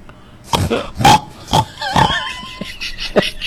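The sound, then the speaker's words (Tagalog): A pig grunts and oinks in a string of about six short, rough snorts at an uneven pace, with a faint squealing whine between them. “Tingaw mo na sa baboy.”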